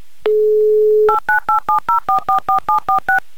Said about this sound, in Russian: Набран номер телефона